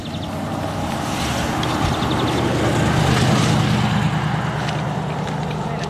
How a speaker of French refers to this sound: Et c'est typiquement le genre de milieu où on retrouve le verdier. Là, il chante de nouveau.